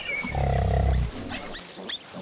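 A wild boar lets out one deep, rumbling grunt lasting about a second, loud and growly, followed by quieter snuffling sounds and faint background noise. No one speaks.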